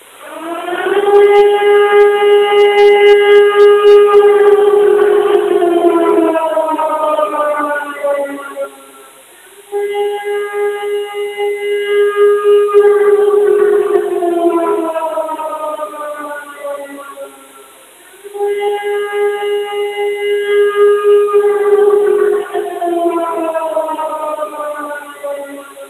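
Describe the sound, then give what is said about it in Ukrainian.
An air raid all-clear siren in Ternopil Oblast, Ukraine, sounds three long, loud, steady tones, each sagging slightly in pitch before a brief pause, with no voices over it. “Громадяни, відбій повітряної тривоги.”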